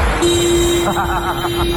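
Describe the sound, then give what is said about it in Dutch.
The horn of a bus following behind on the road toward Ommen sounds one long, steady blast that holds unbroken for well over a second, with a voice talking faintly underneath and road noise in the background. “Gewoon een luisteraar met de bus erachteraan. Moet wel zeggen, ik vind de toeter van Robin toch mooi”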